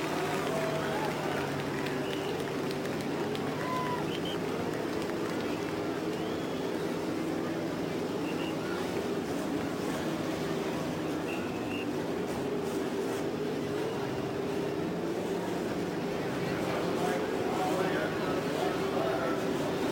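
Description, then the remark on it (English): A field of race car engines, in 11 rows of three on the main stretch at Indianapolis Motor Speedway, rumbles to life together after the start-your-engines command, forming a dense, steady droning roar that holds for the whole stretch, with faint indistinct voices mixed beneath the noise. “The engines are started on the main stretch at Indianapolis in 11 rows of three.”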